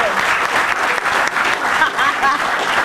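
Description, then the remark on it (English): A studio audience breaks into steady, sustained applause, a dense wash of clapping at constant loudness with a few faint whoops rising through it near the end. “Hey, the fact that he used that in the right way and it wasn't sexual, so applaud him.”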